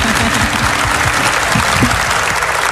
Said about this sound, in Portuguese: E eu vou fazer assim para você, ó. Aplauda.